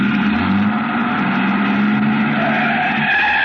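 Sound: truck engine starting up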